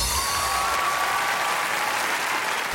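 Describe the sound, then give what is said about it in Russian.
Steady applause from a crowd fills the moment, a dense wash of many hands clapping at an even level throughout, with no voices over it. “Ну и аплодисменты, может быть, заставят тебя побыстрее написать сюда на Европа Плюс.”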